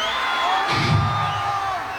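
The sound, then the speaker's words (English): A concert crowd cheers and whoops in a steady, loud roar of many voices, with a surge of shouting swelling partway through before easing slightly. “You ain't gotta cheer after everything I say.”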